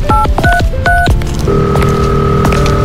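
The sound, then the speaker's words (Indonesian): A quick run of telephone keypad dialing tones as someone dials to call his mother, several short dual-pitch beeps in uneven rhythm, followed by a steady ringing tone, loud with no talking. “Telepon ibu ah.”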